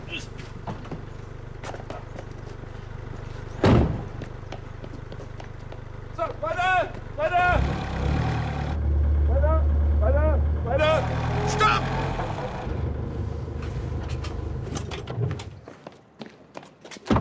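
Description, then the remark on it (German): A car engine idles and rumbles low and steady as an expensive car is eased slowly into position, with voices calling out over the engine noise to go slowly, keep going and wait. “Schön langsam. Schön langsam. Der Wagen ist sehr teuer.”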